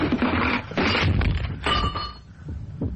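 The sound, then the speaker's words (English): A heavy grandfather clock, pulled away by someone, topples and crashes down, a loud burst of breaking wood and clanging metal, followed by scattered thuds and a ringing chime as debris settles. “Why are you pulling the clock away from that? Hey, look out! It's falling!”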